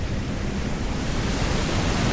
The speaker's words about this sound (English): I looked into the horizon forever, watching the waves crash over the sunset and onto the shore.